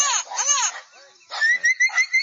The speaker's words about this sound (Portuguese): solta o som do papagaio boiadeiro. Papagaio boiadeiro aí na tela para vocês que estão ouvindo a programação.